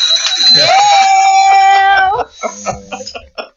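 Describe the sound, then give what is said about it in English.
A loud bell rings with a bright, sustained tone for about two seconds and then cuts off, followed by a few brief bursts of people talking. “Where's my bell? Oh, where's my bell?”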